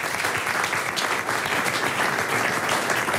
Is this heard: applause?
yes